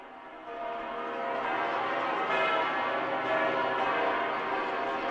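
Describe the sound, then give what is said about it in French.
Cathedral bells ring in full swing as the pope arrives at the cathedral entrance, a dense, sustained wash of overlapping peals that swells in after a quiet start and stays loud and steady, with no voices. “Pendant que les cloches sonnent à voler, nous écoutons le son des cloches.”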